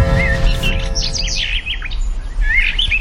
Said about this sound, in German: Irgendwann, vor unzähligen Jahren, hat ein Mensch einem Vogel beim Singen zugehört.